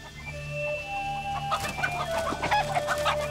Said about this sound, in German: 15 Hühner, sagt man, gehört ein Hahn dazu. Wir haben jetzt 9 Hühner und 3 Hähne. Das funktioniert ja jetzt so richtig.